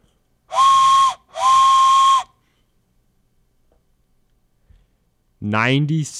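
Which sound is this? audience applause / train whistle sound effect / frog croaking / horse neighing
train whistle sound effect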